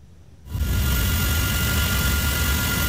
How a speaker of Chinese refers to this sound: 直升机盘旋山区，带回万里溪堰塞湖的监测资料。